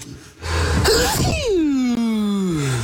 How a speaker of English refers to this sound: We collect sneezes around here.